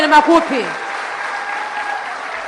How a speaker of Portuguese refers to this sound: E a grande mensagem que a nossa cantora deixou. Sobre violência doméstica. Quero pedir uma grande salva de palmas para elas.